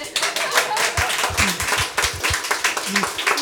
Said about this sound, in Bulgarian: Да, аплодисменти.